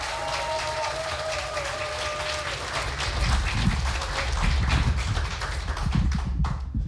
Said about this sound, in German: und wir kommen nun zu einem Mann aus Hamburg. Bitte heißt auch ihn mit einem 10-Punkte-Applaus hier vorne willkommen.